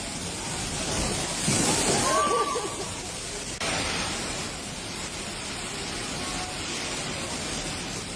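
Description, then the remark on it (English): Rainwater gushes through the ceiling into the foyer of the Doubletree Hilton off Barrett Drive in Alice Springs during a storm. It makes a steady, loud hissing rush that fills the whole clip, with a brief murmur of voices rising under the torrent early on. “You might have seen the vision as the rain just came gushing through the ceiling and the foyer at the Doubletree Hilton here in Alice Springs off Barrett Drive.”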